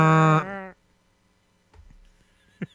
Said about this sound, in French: Sa corne de brume du navire.